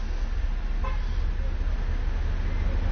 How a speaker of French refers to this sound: Un taxi bleu. Une voiture. Une demi-douzaine de personnes qui traversent. Boulevard Saint-Germain, tout un flot de voitures.